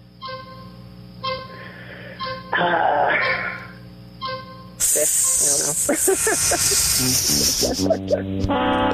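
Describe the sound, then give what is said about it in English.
A person imitates a snake, a black mamba, hissing in a short burst and then a long, loud, sputtering hiss that fills the second half, over a steady low hum, as the answer to a quiz question. “Could you hear me hissing? No. Okay. No. Lucky you. Think she would have enjoyed it. That means it's a snake, but I'm sorry.”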